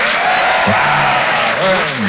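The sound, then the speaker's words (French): Steady applause from an audience at the Rire et Chanson Comedy Club as a comedian is welcomed on stage, a dense, continuous clatter of clapping hands filling the whole moment, with a voice briefly speaking over it. “Bonsoir, applaudissements, vous allez bien?”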